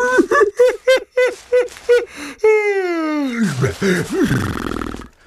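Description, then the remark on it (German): A quick series of short voiced bursts, then a long, loud yawn that starts high, slides down in pitch and trails off into a breathy, groaning exhale. “Und gähnt wieder.”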